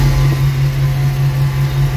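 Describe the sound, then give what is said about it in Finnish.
A combine harvester engine drones steadily and loudly throughout, with a constant low hum and a rough, rumbling mechanical texture, recorded from the driver's seat at the steering wheel, with no voices. “Tämä oli puimuri.”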